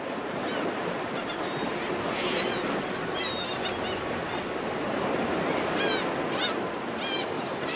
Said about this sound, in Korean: 지금 파도가 되게 심한데 몇 미터 정도 될까요? 파도가 몇 미터 되거나 봐라, 합쳐야 봐라. 경험상 몇 미터인가요?